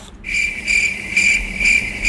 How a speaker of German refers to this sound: Der Grillen, den man hört, und vielleicht auch ein Insekt, das einem vorbeifliegt, gehört doch zum Sommer dazu, so viele Insekten von außen.